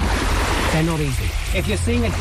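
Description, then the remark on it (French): Steady rushing wash of sea water with splashing throughout as about ten waist-deep swimmers wave a tarp bearing an inflatable dolphin in rhythm with the waves, at a marine mammal first-aid workshop in southern England, while several people's voices call out in the background, partly buried by the surf. “Une dizaine de nageurs, de l'eau jusqu'à la taille, agitent une bâche au rythme des vagues.”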